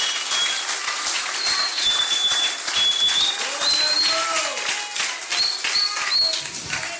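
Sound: audience applauding and cheering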